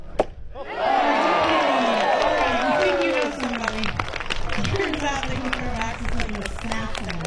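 A single sharp thud, then a crowd bursts into loud, sustained cheering and whooping that holds steady for several seconds, with scattered clapping mixed in.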